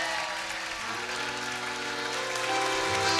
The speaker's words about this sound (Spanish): ¡Fuerte los aplausos, señores!